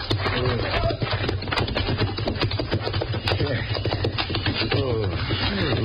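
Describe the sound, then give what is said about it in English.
Several horses clop steadily and busily across a hard surface as they are hurriedly taken out, their hoofbeats dense, with indistinct voices calling out over the commotion. “Bueno, saca los caballos. Apúrate, sal de aquí enseguida.”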